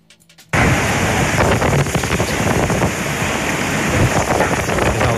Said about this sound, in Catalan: So d'aquestes fortes ventades de gairebé 100 km per hora.